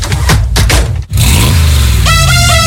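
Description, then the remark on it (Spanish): An old car engine revs loudly, sputtering in rough bursts, cutting out briefly, then climbing in pitch, with a steady whining tone joining near the end. “Somos más de coches pobres, coches antiguos, eso.”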